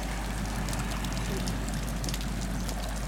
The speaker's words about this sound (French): J'entends le ressac. Comment on appelle ça, le bruit des vagues, le ressac ? C'est comment ? Ben, c'est régulier, ça calme un peu. Là, par contre, là, il y a eu une grosse vague, c'est un peu plus fort.